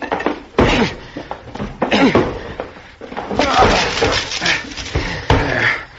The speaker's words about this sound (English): The door to the room where he had all of this electrical equipment was locked, and we had to break it down. The door's locked, son. I'll have to break it in. Here, Dad, let me help.